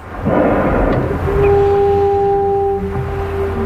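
A whale's blow through its blowhole above the water, at the surface among a feeding group: a loud breathy rush of air that turns into a long, steady, low horn-like tone lasting a few seconds, with no voices.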